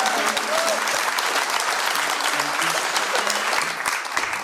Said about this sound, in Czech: Prosím, velký potlesky pro ně.